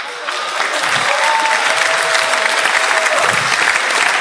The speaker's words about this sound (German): Wer vertritt Deutsch? Deutschland, Österreich und die Schweiz. Gibt's jemanden? Applaus!